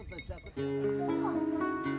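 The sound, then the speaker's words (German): After a brief bit of speech, a flock of sheep, guarded by a shepherd and his dogs, bleats together, layered with the steady ringing of their bells, fairly loud. “Und die werden streng bewacht vom Schäfer und seinen Hunden.”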